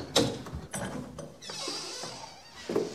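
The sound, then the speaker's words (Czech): A metal cash box mechanism clicks and ratchets as the box is opened, with a few sharp clacks followed by a brief sliding rattle and a final click. “Otevři mi dole pokladník.”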